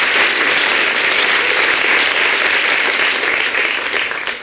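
Loud, sustained applause from a large audience, a dense wash of many hands clapping at once that holds steady and begins to thin slightly toward the end, with no voices heard.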